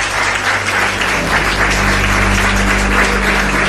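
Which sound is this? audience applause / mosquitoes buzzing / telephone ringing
audience applause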